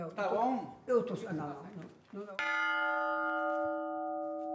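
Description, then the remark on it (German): A single loud strike of a swinging bell rings out after a stretch of speech, its bright metallic tone sustaining steadily and slowly decaying for a couple of seconds, clear; the bell sounds different when swinging forward than when swinging back. “Die Glocke hat ihren alten Klang, wenn sie vorschwingt. Wenn sie zurückschwingt, klingt es anders.”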